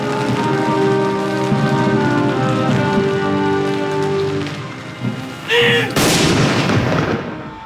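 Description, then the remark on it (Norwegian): A single heavy artillery shot from a mourning salute for Norway's king booms out near the end, its sharp blast rolling away, after a stretch of sustained, steady musical tones over a soft, rain-like hiss. The salute is fired at the same time from the country's 9 salute stations, 21 shots at 30-second intervals. “Samtidig sørgesalutt ved landets 9 saluttstasjoner. 21 skudd med 30 sekunders mellomrom.”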